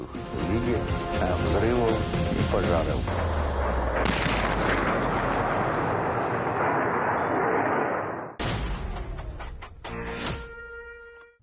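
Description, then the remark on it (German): Loud, continuous booming blasts and artillery-like explosions amid flames roll on with a heavy low rumble, break off briefly, then resume in sharp bursts, with voices mixed into the din. “verbrannten in den Flammen und Explosionen alle Spuren.”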